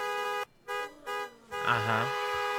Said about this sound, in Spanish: Bueno, la chiquiseñal es que todos al mismo tiempo, cuando yo dé la señal, vamos a hacer este sonido con el claxon del carro.